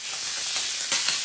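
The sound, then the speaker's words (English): Sausages sizzle on a hot barbecue in a steady hiss of frying, with a brief louder crackle flaring near the end. No one speaks. “Behind every sausage sizzle, charity drive, school fete and street parade stands a local legend, a volunteer giving their time to strengthen the South Coast spirit.”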